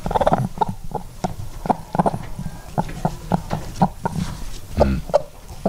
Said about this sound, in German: Jetzt Henne Nummer 3.